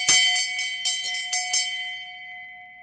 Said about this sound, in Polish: Drodzy Państwo, dzwonek na zawodach lekkoatletycznych oznacza ostatnie okrążenie, a w naszej audycji czas na podsumowanie.